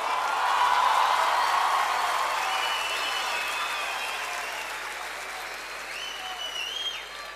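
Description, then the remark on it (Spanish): Sustained audience applause, a dense steady wash of many hands clapping that stays loud throughout and eases slightly toward the end, with faint whistles and cheers rising above it. “Nos vamos llenos de alegría, llenos de aplausos, llenos de voces, llenos de ojos, llenos de felicidad.”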